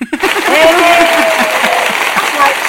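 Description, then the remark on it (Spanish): Loud, steady applause for an announced winner starts abruptly and continues for almost three seconds, with voices cheering and calling out over the dense clapping. “Aplausos.”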